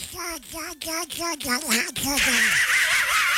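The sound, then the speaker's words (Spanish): A voice imitates the cartoon duck Donald Duck to send a greeting, spitting out a quick run of raspy, quacking syllables, then trailing into a breathy, hissing rush of noise. “Me mandas un saludo con la voz de Pato Donald.”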